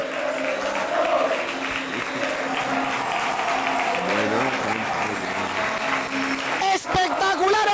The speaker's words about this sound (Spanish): Así acaba la temporada. Ovación espectacular.